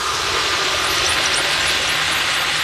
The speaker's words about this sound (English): Sometimes if I hit a bit with a lot of noise pollution and a lot of engine noise, I have to like take a break and take the headphones off for a bit because it's just a lot.